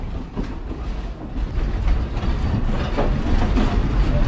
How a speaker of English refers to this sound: is moving two steam engines, shuffling them around for the engine house for easier access